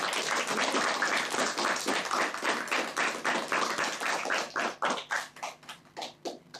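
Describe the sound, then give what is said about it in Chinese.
A class claps steadily and fairly loudly for several seconds during a lesson to welcome student presenters on Zhuhai culture, then the applause thins into a few slower, separate claps before stopping. No one speaks. “好，我们首先掌声欢迎珠海文化推荐官。”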